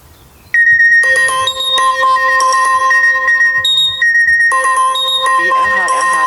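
A phone's emergency alert tone, the Werra-Meißner call-out alarm signal played as a test on the radio, blares loudly, stacked electronic beeps stepping between pitches in repeated bursts, ending in a fast warbling trill.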